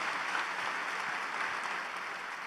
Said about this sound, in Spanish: Un aplauso a Dios por la vida de estos pastores, amigos.